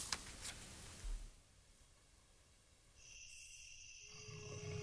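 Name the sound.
jaguar roar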